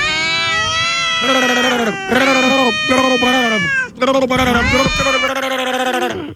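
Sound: cats meowing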